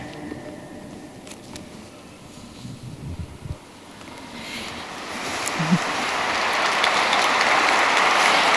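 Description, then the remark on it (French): A large crowd of English-speaking pilgrims at a papal audience breaks into applause, starting as a low murmur and swelling halfway through into a dense, loud wash of clapping that continues to the end. “Ils applaudissent, ils sont nombreux.”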